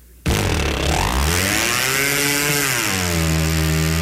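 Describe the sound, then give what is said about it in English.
A small outboard boat motor, pull-started with a rope wrapped around the flywheel, catches abruptly and roars to life, its loud, steady engine drone rising in pitch then settling into a high, buzzing idle with no voices. “When they do start, they sound like they're going straight up.”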